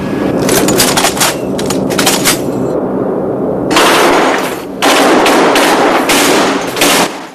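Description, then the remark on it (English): Loud, sustained bursts of heavy machine-gun fire as a bomber's guns are test fired, rattling in rapid continuous strings with brief pauses between volleys, over a low droning engine rumble. “The gunfire wakens Clay, who has dozed off.”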